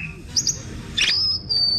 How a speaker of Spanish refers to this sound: Ah, no, porque viene con efecto de sonido incluido. El pajarito. Ay, mira qué lindo.